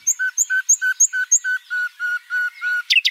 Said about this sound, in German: Klar, die Nachtigall. Besonders diese Flötentöne finden viele Leute toll. Die Nachtigallenweibchen übrigens auch. Deshalb legen sich die Männchen so ins Zeug und singen die Flötentöne auch mal höher und mal tiefer.